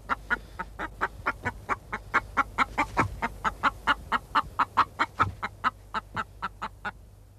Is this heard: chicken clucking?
yes